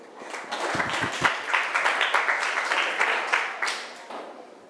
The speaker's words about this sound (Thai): เก่งมากปรบมือให้กลุ่ม5ค่ะ